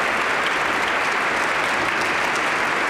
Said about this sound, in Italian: Loreto saluta le corali con un bel applauso, grazie.